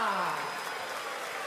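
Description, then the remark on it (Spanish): Dense, crackling applause from a crowd, a steady wash of many clapping hands that starts loud and settles slightly, with no clear voices over it. “¡Fuerte el aplauso”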